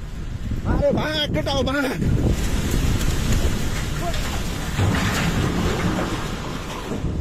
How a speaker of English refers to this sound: This is the sound from a video taken by a workman in Nepal who sees the water approaching and starts running uphill.